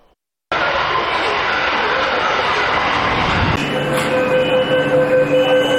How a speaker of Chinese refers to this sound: 近日，在北京地铁一号线大望路站，一列崭新列车缓缓驶入站台。这是超长期特别国债支持下，一号线负八线老旧车厢淘汰更新的最新成果。